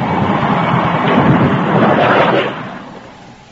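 A heavy downpour of rain at 10 o'clock at night in the town of Cannon Hill pours down as a dense, steady roaring hiss, loud, then gradually fades away over the last second.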